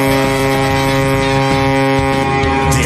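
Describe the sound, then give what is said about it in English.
A ship's foghorn blares in one long, steady, deep blast that holds loud for the entire stretch, with a low rumble underneath and no voices. “So if are we parking a boat like through the fog?”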